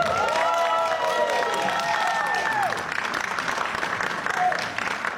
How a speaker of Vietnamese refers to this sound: Chúng ta hãy dành một tràng pháo tay thật lớn để chào đón đạo diễn của bộ phim Phan Gia Nhật Linh.